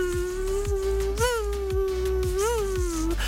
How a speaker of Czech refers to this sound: A co nechcete, aby vám do ucha znělo, tak to je ten otrávný, bzučivý zvuk komára. Takhle si lehnete, jdete spát a